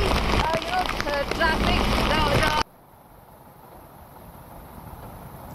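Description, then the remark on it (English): Heavy gusting wind roars and buffets a microphone for a few seconds during heavy rain in Pune, with a faint voice buried beneath, then the noise cuts off abruptly to a low, quiet hiss. “But with that being restored, but even then, this particular area, you can see there's heavy gust of wind and there is, heavy rain as well.”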